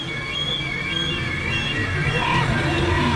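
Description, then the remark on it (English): At the opening of a song, harsh crow caws ring out over a thick, steady droning backdrop of sustained tones, the calls rising briefly above the dense, continuous wash of sound. “This is right at the beginning of the movie The Crow, by the way. This is a creepy start to that, but there they are right there.”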